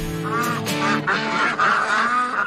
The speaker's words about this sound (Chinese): 我发现这里头有两种颜色的鹅哈，要抓哪种？ 白色的那个架子它高一点嘛，那麻鹅的就比较矮小，但是它的肉比较好吃，我们选麻鹅。